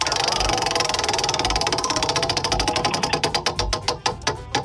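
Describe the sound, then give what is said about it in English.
The Who Dawgs Country Music Trivia Prize Wheel spins with a rapid stream of clicks from its pointer, the ticking gradually slowing and spacing out as the wheel loses speed, loud. “All right, give her a spin there, brother.”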